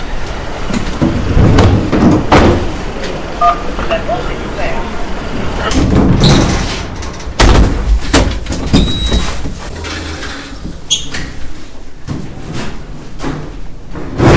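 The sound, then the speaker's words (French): A heavy building entrance door, opened via the intercom for Elise company staff coming to collect cartons, is pushed open and swings shut with a couple of solid clunks, set against steady street-level background noise and some indistinct voices. “Donc là, on se présente à l'interphone pour qu'il puisse nous ouvrir la porte pour monter.”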